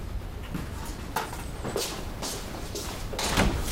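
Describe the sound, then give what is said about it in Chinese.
A door being opened, with a series of sharp clunks and rattles spaced over a few seconds, like a latch and handle being worked, against a low background hum. “自己开门。 没拿钥匙，妈。”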